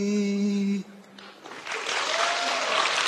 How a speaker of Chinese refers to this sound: 爷们儿， 嗯，听见这掌声了吗？ 听见了，